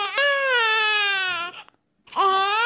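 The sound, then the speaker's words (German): A newborn baby wails loudly: one long, sustained cry with a slightly falling melody, a brief breath-like pause, then a fresh cry begins. No one talks. “Das heißt, wenn man also Computerdiagramme macht von den Melodien, die im Weinen passieren, dann findet man Spuren solcher Einflüsse, die im Mutterleib schon 3 Monate lang gewirkt haben.”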